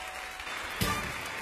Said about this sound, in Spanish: aplauso a él.